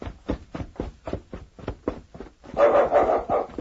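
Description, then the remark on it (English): A small dog that has found an injured man lying on the ground barks in a quick, steady series of sharp yips, then breaks into a louder, more excited burst of yapping near the end, with no talking. “Ah, that's King. He's found something.”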